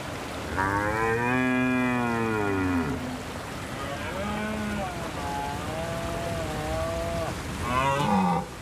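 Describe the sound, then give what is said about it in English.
Red deer stags roar during the autumn rut in October on the island of Rum: a long, deep bellow, then a wavering, drawn-out groaning call and a short final roar, loud over a steady outdoor hiss. “Red deer stags.”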